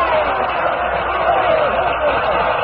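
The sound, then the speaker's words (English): A large theatre audience cheers and roars in a dense, steady wash of many voices, loud and unbroken for the whole stretch, with no single voice standing out, as the curtain lowers at the end of a stage show. “As the curtain lowered, the people stormed their approval.”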